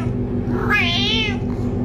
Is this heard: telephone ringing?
no